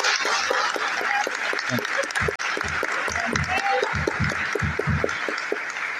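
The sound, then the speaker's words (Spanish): An audience claps steadily for several seconds, a dense, bright wash of many hands with a few louder individual claps standing out, with some voices mixed faintly underneath; the applause is for the Sisters of the Holy Spirit at the community's anniversary. “Gran aplauso para ellas, ¿no?”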